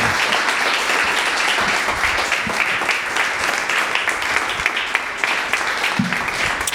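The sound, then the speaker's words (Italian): Sustained applause from a sizable crowd for three speakers, dense and steady for several seconds at fairly loud level, with many overlapping claps blending into a continuous wash and no one speaking. “Fate un bel applauso ai nostri tre relatori.”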